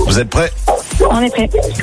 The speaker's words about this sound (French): Il y a un bruit derrière, je crois qu'il y a un chien. C'est un chien.